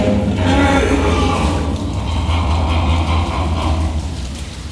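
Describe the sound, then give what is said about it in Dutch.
A deep, heavy call from an enormous animal related to pigs, kept in a group of females with their young: a loud, rumbling, low-pitched drone with a chuckling, laugh-like texture that holds steady for several seconds before easing slightly. “Het is net of ze lachen, hè.”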